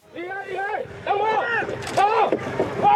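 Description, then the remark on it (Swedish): A loud, amplified voice from the orange-clad Chinese coast guard in its large boat shouts warnings through a megaphone in several bursts at Filipino men in small rubber boats in the South China Sea, with the steady rumble of boats and water beneath it. “Den orangeklädda kinesiska kustbevakningen i sin stora båt skriker ut varningar i megafon åt filippinska män i små gummibåtar”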